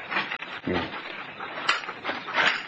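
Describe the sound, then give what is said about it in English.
A dog makes agitated, rough noises in a steady stream of overlapping bursts, moderately loud, with no clear pauses between them, as it is being taken away to be locked up. “You stay here, Thousands, till we get the dog locked up.”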